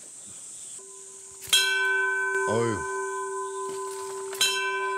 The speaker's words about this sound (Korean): 종 한번 쳐보시죠.